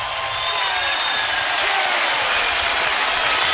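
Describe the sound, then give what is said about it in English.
A baseball stadium crowd in Lincoln rises to its feet and cheers for the Nebraska Huskers in the ninth inning against the Jackrabbits, with two strikes on the batter, in a steady, loud, dense roar that holds unbroken for the whole few seconds, with no voices speaking over it. “Crowd to their feet.”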